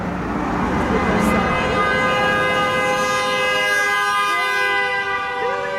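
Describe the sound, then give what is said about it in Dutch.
A car horn sounds in one long, sustained blare, loud and steady for several seconds over a noisy street background. “That was a good one. A friendly one. A friendly honk.”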